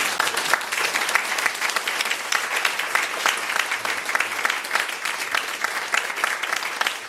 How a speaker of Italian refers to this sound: Intanto un applauso.